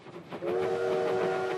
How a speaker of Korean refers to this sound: 예! 기차가 온다!